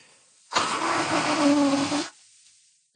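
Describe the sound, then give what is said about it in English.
A single long, forceful nose blow, a loud, rough, breathy honk lasting about a second and a half with a buzzing low tone, surrounded by quiet and no talking. “I have to blow my nose because I can't hear you.”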